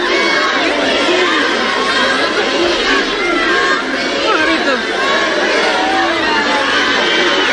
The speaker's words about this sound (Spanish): el que llevó a decenas de miles de ceutíes y de melillenses a echarse a las calles engalanadas para la ocasión, con bandas y con banderas rojigualdas, para recibir a los reyes con toda clase de vítores y con gritos de júbilo y de ¡Viva España!